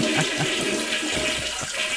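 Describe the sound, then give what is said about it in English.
A toilet flushes in a steady, rushing whoosh of water that fills the full two seconds, loud, with gurgling swirls underneath and no one talking. “Flush the system.”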